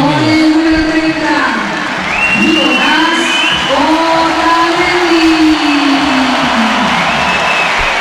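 A big football stadium crowd gives a mixed reception as the starting line-up is announced on the 360 LED screens, steady applause blended with whistles and rising and falling voices, holding loud and dense for the whole stretch with no pause.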